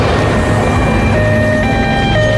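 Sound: emergency vehicle sirens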